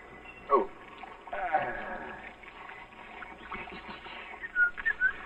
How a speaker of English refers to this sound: In a state of confusion, with an emotional distress quotient of at least 0.742, he stripped off his uniform and entered the shower.